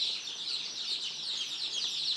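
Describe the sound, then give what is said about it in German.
A dense chorus of two-day-old chicks chirping continuously, many high-pitched peeps overlapping into a steady twittering with no pauses and no one speaking. “Die Küken sind gerade mal 2 Tage alt.”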